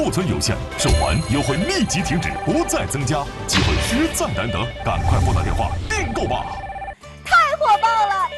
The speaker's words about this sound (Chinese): 太火爆了，太火爆了！节目一开始，我们的热线就响个不停，我们的电话都快飞打爆了